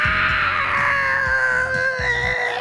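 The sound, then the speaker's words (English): A garage door squeals and groans as it moves, with sustained high-pitched squeaking over repeated low mechanical thumps and rumbles in a steady, straining rhythm. “That's not what garage doors are supposed to sound like. Not at all. Not even a little. They're not supposed to squeak or shake or struggle.”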